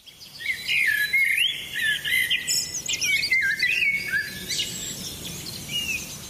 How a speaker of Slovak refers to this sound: Hrala sa a hrala, až sa odrazu začalo brieždiť a zvonku do izbičky doľahol veselý štebot vtáčikov.